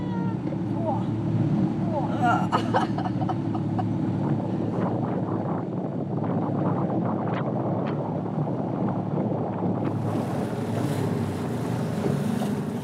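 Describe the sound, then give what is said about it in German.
A small DDR-era training boat chugs through choppy harbour water toward the icebreaker Stefan Janssen, its steady loud engine rumble mixed with slapping waves and gusts of wind across the microphone. Brief voices come through early on. “Guck mal, jetzt kommen Wellen.”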